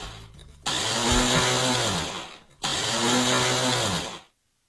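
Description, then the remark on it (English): A loud blender whirs in two strong bursts, each lasting about two seconds with a brief pause between, its motor roaring with a harsh grinding buzz before cutting off abruptly. “Problematic blender. The worst, right?”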